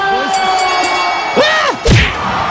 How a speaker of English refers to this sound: Wow, that's the fastest knockout in boxing history. The crowd goes wild.